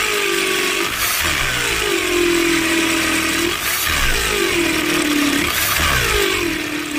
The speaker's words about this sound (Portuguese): Essa furadeira aí é do Jason, hein?